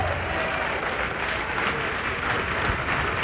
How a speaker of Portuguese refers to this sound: Ô glória, vamos aplaudir mais. Olha quanta gente que está chegando, vamos aplaudir mais.